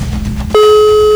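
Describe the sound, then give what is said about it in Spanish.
A telephone ringback tone while a call is being placed and waiting for an answer: after a low muffled rumble, a steady mid-pitched electronic tone begins abruptly and holds at an even, fairly loud level to the end, with no talking. “Dos tonos más y cuelgo.”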